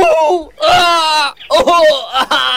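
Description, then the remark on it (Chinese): A wounded man, his face and body wrapped in bandages and curled on the floor of a makeshift interrogation room, lets out strained, drawn-out howls of pain as agents take turns stepping on his wounds: several loud wailing cries rising and falling in pitch with short gasping breaks between them. “室内一个伤员脸上身上裹满了绷带，蜷缩在地上，几个特务正轮番着上去用脚踩他的伤口，伤口处不断有鲜血渗出来，伤员抑制不住地发出嚎叫的声音。”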